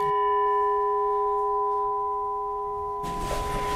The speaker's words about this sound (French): Alors c'est un gong birman, donc un son typique des gongs birmans qui rappelle les monastères du Birmanie.